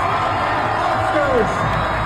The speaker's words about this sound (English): You'll hear them saying, like, look at that guy over there. And then you'll hear the standing ovation Moranis gets from the crowd.